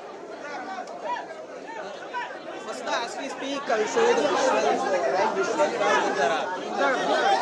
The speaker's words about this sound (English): A huge crowd, all DMK MLAs have gathered outside the assembly, legislative assembly, to receive Udayanidhi Stalin.